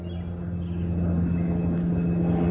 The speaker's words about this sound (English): This is overhead at Camp David. Now, anywhere the president is, there's a halo overhead, too. So you hear the private plane, single prop, probably looks like a 172, flying overhead.